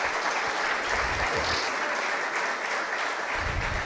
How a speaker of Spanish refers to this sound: Un aplauso para los tres aquí protagonistas.